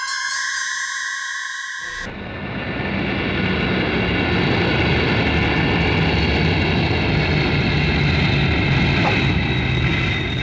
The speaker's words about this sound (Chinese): 香港启德机场，一架飞机徐徐降落在跑道上。